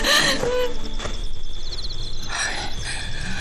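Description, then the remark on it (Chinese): A woman cries out in two strained, wailing bursts, one at the start and another near the end, over a steady wash of background noise with no clear talk. “瞅你刚才还吹你是大能人呢，连女人的哭声都听不出来了。”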